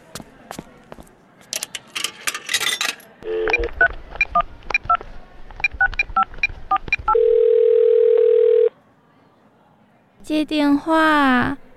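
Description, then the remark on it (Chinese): A string of touch-tone keypad beeps dials a number, followed by a single long, steady ringback tone that goes unanswered, with voices briefly heard before and after. “唉，怎么都不接啊？”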